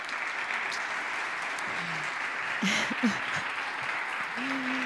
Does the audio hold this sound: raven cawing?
no